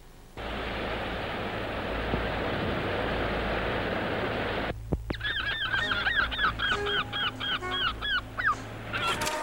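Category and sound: bird, seagulls calling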